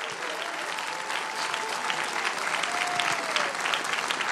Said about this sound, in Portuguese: E quem dá glória a Deus por isso? Quem dá glória a Deus? Quem pode aplaudir ao Senhor por esta obra tão maravilhosa?